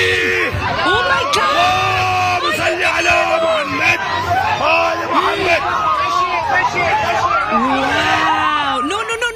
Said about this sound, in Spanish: Esto después de que el piloto detectara una falla en el motor durante el despegue. Miren, vamos a escuchar un poquito. ¿Cómo la gente gritaba? ¡No, no, no!